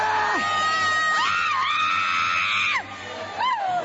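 A loud crowd shouting and screaming together in Portuguese, calling on Jesus to burn a demon, many voices overlapping in a continuous roar, with high rising wails cutting through near the end.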